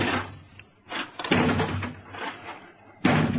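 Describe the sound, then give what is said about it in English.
A door is battered from outside with heavy, booming blows by people trying to get in, three loud thuds spaced unevenly with rattling in between, with no voices. “That door won't hold long.”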